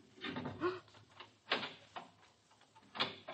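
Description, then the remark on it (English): A key rattles and turns in a door lock as a landlord unlocks a tenant's door, followed by a latch clicking and the door being opened, with several sharp metallic clicks spaced over a few seconds and no voices. “Where did you get the key to my door?”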